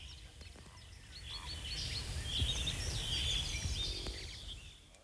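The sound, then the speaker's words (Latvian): Several birds call and chirp continuously in sunshine after rain, their bright overlapping notes scattered across a few seconds over a low, rumbling outdoor background, moderately loud. “Šodien putni ir labā omā.”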